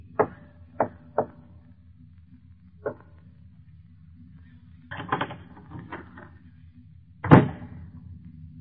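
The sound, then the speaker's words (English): A door being opened: a few sharp clicks, then a short rattling stretch of latch noise and a final heavy thump, all over a steady low hum with no voices. “And the opening of this door introduces us to another in the series, The Key.”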